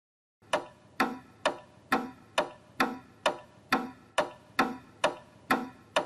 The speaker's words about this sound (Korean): 자, 첫 번째 시계는 바로 추시계라고 해요. 추시계. 아, 그래. 추. 여기 밑에 있는 이게 추예요. 이게 흔들리면서 소리가 나는 거예요. 잘 봐요.